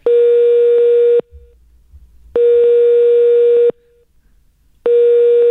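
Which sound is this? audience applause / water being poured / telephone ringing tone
telephone ringing tone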